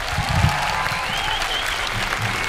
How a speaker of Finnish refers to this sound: Antakaa iso käsi vielä mun upeelle bändille!